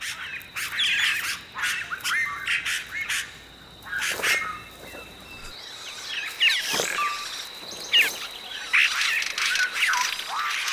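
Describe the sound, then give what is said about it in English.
Harsh, squawking calls of a South American oropendola, a bird that weaves hanging basket nests, burst out repeatedly above falls over a steady high hiss, with liquid gurgling notes and sharp chattering mixed in, fairly loud and irregular in rhythm, with no voices. “The South American Oropendula weaves a hanging basket.”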